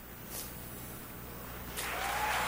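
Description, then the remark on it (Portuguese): A quiet background hiss gives way to a burst of applause that swells in over the last second, a dense, steady patter of many hands clapping at moderate volume. “Tem aplauso por nós.”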